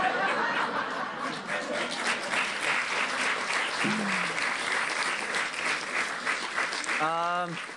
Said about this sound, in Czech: Asi všichni tleskáme tomu samému.